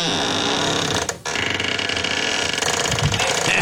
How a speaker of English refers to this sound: Now remember, this was a little kid who wanted to share her bedroom door. Yep. Howard Beach. And I'm going to let you listen to my squeaky door. There it is. Get ready.